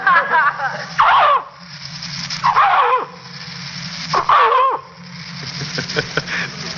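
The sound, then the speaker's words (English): A man's voice, an animal impersonator's, imitates a dog, giving three loud, rough barks spaced about every one and a half seconds, with yelping, whining sounds between them. “Well, most of the time, I'm a dog.”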